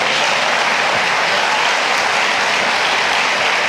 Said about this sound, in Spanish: Denle un aplauso a Dios por ese milagro.